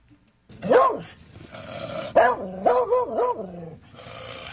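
A dog barks: one drawn-out bark, a pause, then three quick, whiny barks in a row. Nobody speaks.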